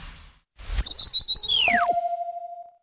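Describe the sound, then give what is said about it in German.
A short, stylized woodpecker call used as the sound logo of a carpentry workshop in Sprakensehl: a quick burst of four high chirping pulses, then a falling whistle that settles into a sustained ringing tone. Clear, with no talking. “Die Tischlerei mit dem Specht.”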